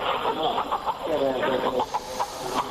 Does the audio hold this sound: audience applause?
no